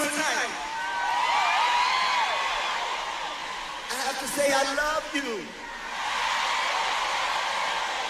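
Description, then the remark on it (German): A large crowd cheers loudly and continuously, with high whoops and shouts rising above a dense roar. The noise dips briefly midway, then swells back to full strength. “Und wie das da mit dem Anfeuern funktioniert, das können Sie hier schon mal hören.”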